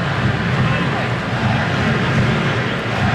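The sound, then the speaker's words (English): A large crowd at Geodis Park chants "MVP" in unison for Nashville SC player Mukhtar during a soccer match, a loud, steady, dense wall of voices that holds for about three seconds with no break. “And listen to the MVP chants from the Geodis Park audience.”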